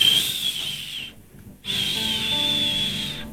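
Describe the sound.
A voice imitates a gentle breeze with a soft, breathy whistle: one steady high tone, a brief pause, then a second longer whistle at the same pitch.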